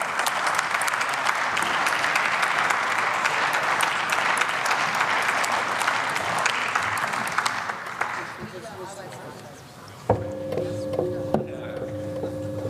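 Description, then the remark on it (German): Sustained, dense applause in the German parliament fills the first several seconds after a speech, then thins and fades out as the next speaker, Stefan Keuter of the AfD, starts speaking over the last few seconds. “Frau Präsidentin, meine sehr geehrten Damen und Herren, ein großer Applaus für die Koalition.”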